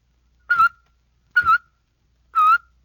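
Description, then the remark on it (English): Three short, evenly spaced whistled notes made with a tut-tut motion of the tongue, each starting with a clicky tongue attack and a slight downward pitch bend, fairly loud with silence between them. “Now for a second type of whistling. You do this one with a tut-tut motion of your tongue.”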